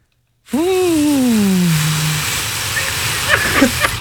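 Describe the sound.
A voice mimics an airplane: a steady hum that slowly slides downward in pitch over a loud, breathy rushing hiss, fading into the roar and ending with a few hissing, sputtering bursts.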